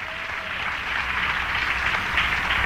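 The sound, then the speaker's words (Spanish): Sustained applause for God from a large crowd during a sermon, a dense, steady wash of clapping that holds at an even level throughout without any voices rising above it. “Si es para Dios, dale fuerte ese aplauso, hermano.”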